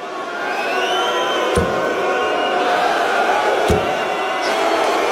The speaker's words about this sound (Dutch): Een hoop geboel en gescheld ook, hebben we begrepen van mensen die daarbij waren. Tijdens één wedstrijd werd het zo erg dat de tegenstander van Littler vroeg om in te grijpen.